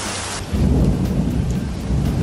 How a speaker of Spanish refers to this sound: Bueno, pues asuntos protagonistas, …, como la lluvia que ha vuelto a castigar duramente a Valencia.